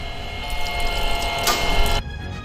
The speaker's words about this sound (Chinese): 我们增加点难度，模拟大雨。 到暴雨。